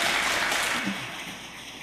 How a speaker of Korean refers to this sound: 아멘. 우리 하나님 앞에 영광의 박수 올려드리겠습니다.